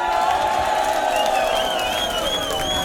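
A large crowd cheers and claps continuously, a dense, steady roar with whistles and shouts rising above it throughout.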